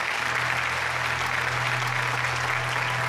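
An audience claps steadily throughout, a dense, even wash of applause with no voices over it and a low hum underneath.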